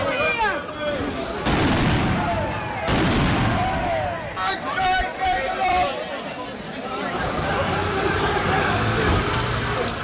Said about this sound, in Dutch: Toen een groep van 50 demonstranten niet wegging en vuurwerk afstak, werd er ingegrepen met politiehonden en wapenstokken.